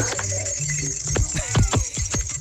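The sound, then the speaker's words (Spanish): Jingle bells ring in a steady, bright shimmer while hooves clop unevenly underneath, a quick series of dull knocks lasting a couple of seconds, with no talking. “¿Esa campana qué? El cascabel.”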